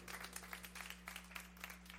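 Steady audience applause, many hands clapping in a dense, continuous patter with a few sharper claps standing out, over a low steady hum.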